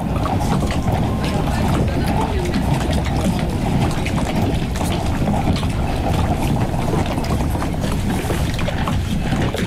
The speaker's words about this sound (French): Du vent, de l'eau salée. Et c'est le départ.